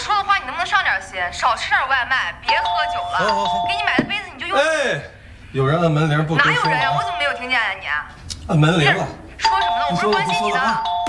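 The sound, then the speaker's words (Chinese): A doorbell rings repeatedly, its steady electronic chime recurring every few seconds beneath continuous conversation between people talking. “哎，有人按门铃不吱声。”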